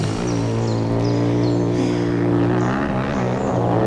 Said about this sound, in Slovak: A toto je pre Boha čo? No frasa, kde sa tu berú motorky? Hej, vy tam! Čo je to tu? Motocyklová rally? Nemôžete sa ísť producírovať kdesi inde?